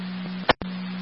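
A steady, low electronic fire dispatch alert tone over a radio channel, broken midway by a brief crackling burst and a moment of dead air before the tone resumes.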